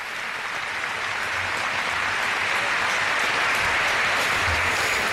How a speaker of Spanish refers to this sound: Ha sido un 3 de 8 levantado por el grupo. Sono un 3 de 8 alzato por el grupo. Un aplauso para ellos.